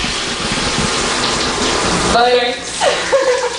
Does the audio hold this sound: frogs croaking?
no